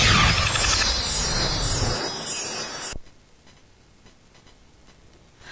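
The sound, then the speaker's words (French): A short radio time-signal jingle marking 11 o'clock: a loud, bright whooshing burst for about three seconds, then a quiet, steady clock ticking continues alone to the end. “Il est déjà 11h à la pendule de Flutter FM”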